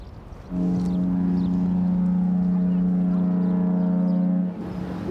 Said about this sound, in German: Hupe funktioniert.